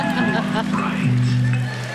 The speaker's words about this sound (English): That was scary. Jabberin' Jack itself. The pumpkin sold on QVC, singing its freaky little song.